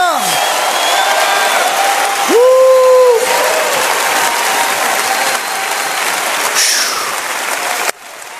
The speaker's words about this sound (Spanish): Póngase de pie, todo mundo. Póngase de pie y empieza a gritar. Empieza a aplaudir. Empieza a glorificar. ¡Aleluya!